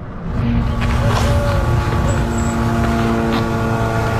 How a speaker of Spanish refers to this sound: Ese sonido que no sé si se puede apreciar, sí, pero son los drones israelíes.